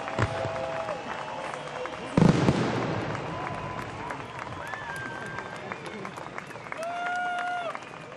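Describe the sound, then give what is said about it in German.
At the close of Rhein in Flammen 2026 in the Rheinaue in Bonn, a crowd claps and cheers after a sharp burst of fireworks, a steady wash of applause with scattered whoops and whistles rising over it for several seconds. “Es wird geklatscht, es wird gejubelt und ich glaube, der ein oder andere hatte auch ein Tränchen im Auge.”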